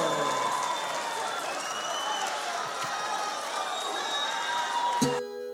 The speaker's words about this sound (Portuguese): Bora aplaudir!